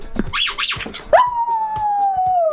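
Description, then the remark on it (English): A pet dog, Poppy, gives a few short, rising yips and whines, then breaks into one long, steady howl that slowly sinks in pitch, loud with no one talking. “Just Poppy howling.”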